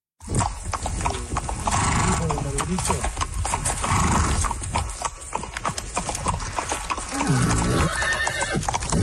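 The horse of Olivia Kaz, a 30-year-old Canadian on a horseback journey through the Americas, whinnies several times, its high wavering neighs rising and falling over a steady, busy clip-clop of hooves that continues loudly throughout.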